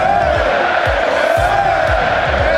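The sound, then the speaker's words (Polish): A crowd of Barcelona fans in their home stadium roars in a sustained ovation as Robert Lewandowski bids farewell at the season's last home match, a dense wall of cheering voices with rising swells, while low rhythmic thumps pulse beneath it about twice a second. “Owacje i łzy wzruszenia.”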